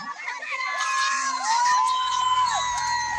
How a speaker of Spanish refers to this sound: La gente está emocionadísima aquí en las gradas. Están escuchando, grita, grita, grita, grita.